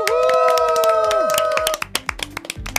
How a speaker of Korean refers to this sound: 박수!